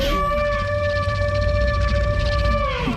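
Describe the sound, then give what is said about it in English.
A sandhill crane call pitched down and layered into a dinosaur roar: one loud, sustained, steady-pitched wail with rich harmonics over a deep rumbling layer, holding for about three seconds before dropping off. “Pitch shifting it down, adding more layers to it.”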